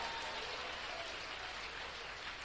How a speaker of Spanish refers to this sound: Dele fuerte ese aplauso, Señor.